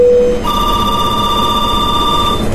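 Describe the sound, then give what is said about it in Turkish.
A telephone ringing with electronic tones: a brief lower note, then a steady, higher pitched tone that holds unbroken for about two seconds. Clear and fairly loud, with no voices. “Neden telefondan aradınız?”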